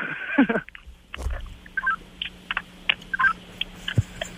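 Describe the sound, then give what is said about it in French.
Walkie-talkie chirps: a scattered series of short, bright electronic beeps at varying pitches, repeated irregularly over a faint steady hum, with one lower thump near the end. “Tu me donnes-tu une petite chat de Walkie Talkie avant qu'on se laisse?”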